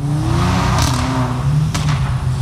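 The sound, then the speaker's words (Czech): Powerful sports car engines roar and rev continuously, a deep rumbling drone with rising and falling pitch and a couple of brief whooshing bursts, with no voices, as about ten owners show off their cars, revving and drifting at night in a shopping centre parking lot in Ostrava. “Předvádějí, co jejich auta umí, turují motory, driftují a troubí na klaxony.”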